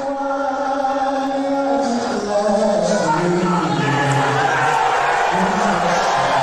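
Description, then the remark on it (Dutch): A large arena crowd at the NBA Finals in New York boos loudly and continuously as President Trump appears on the big screen, a dense wash of many low, sustained voices swelling slightly partway through, with scattered shouts mixed in. “Trump werd uitgejouwd.”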